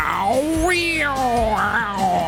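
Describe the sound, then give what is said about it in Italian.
A human voice mimics the drawn-out, wavering yowl of cats in heat, a single sustained wailing cry with rising and falling pitch, fairly loud. “Vedete i gatti che quando vanno in amore, cioè.”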